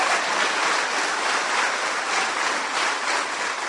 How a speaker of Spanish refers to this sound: Mire aquella familia. ¡Qué lindo! ¡Aplauso! ¡Qué bonito!